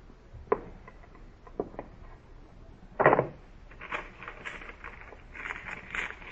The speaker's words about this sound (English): Someone's climbing in the window. Just as I expected.